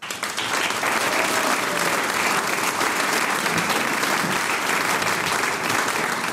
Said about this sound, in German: Es dreht sich nämlich viel um den Genuss und eine, die das weiß, darf ich jetzt mit einem großen Applaus auf die Bühne bitten, von der Kurkommission und verantwortlich auch für den Tourismus in der ganzen Region.